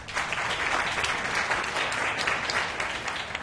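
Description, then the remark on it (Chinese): Steady applause from a crowd at a shopping mall event, welcoming the new vice chairman of Yan's Enterprise (严氏企业), fills the whole stretch, a dense, even patter of many hands clapping at once with no voices breaking through. “掌声欢迎副董事长。”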